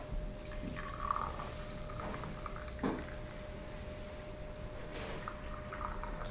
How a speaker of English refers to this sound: And that's the shower. Yeah. I keep the shower door open.